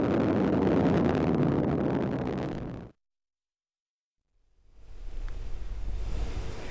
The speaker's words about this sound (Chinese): 载入时先点火3台减速，再关闭，让火箭进入滑行段，落地前大约40秒再次启动这3台发动机，二次制动约20秒，然后只保持中间这一台发动机持续的工作，完成垂直着陆的最后动作。